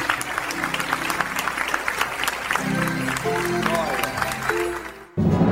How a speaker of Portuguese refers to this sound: Olha, igreja, vamos aplaudir mais o Senhor Jesus. Olha que bênção, que bênção.